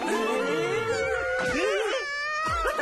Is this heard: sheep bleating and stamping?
no